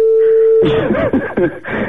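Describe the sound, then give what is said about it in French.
A telephone ringing tone over the line during a live on-air call to a mobile phone: one steady, mid-pitched tone for under a second, then cut off by muffled, phone-filtered voices and clatter. “Là, ça sonne. Là. Vous entendez sonner.”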